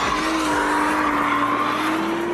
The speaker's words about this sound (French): Mais quand les assistances électroniques sont débranchées, la lourde japonaise devient jolie ballerine, tout en drift. Par-dessus le vrombissement du V6, les pneus chantent de plus en plus fort.